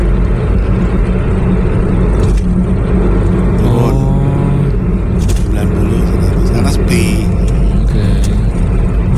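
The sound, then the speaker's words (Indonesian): Loud, steady road rumble and tire roar from a car holding a speed of about 60 in light traffic, with a brief rising engine whine partway through and faint muffled voices underneath. “Nah, sip, berarti ini bisa mempertahankan kecepatan 60 di lalu lintas yang sepi kayak gini, berarti cakep tuh.”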